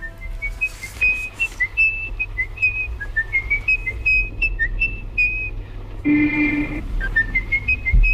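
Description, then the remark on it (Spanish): A single person whistles a slow, eerie melody in continuous phrases over a low rumbling hum, the tune a film's child murderer whistles before each murder, briefly interrupted near the end by a louder, harsher tone before the tune resumes. “Es el silbido del asesino de niños de M, el vampiro de Düsseldorf, interpretado por Peter Lorre, que silba esta melodía antes de cada asesinato.”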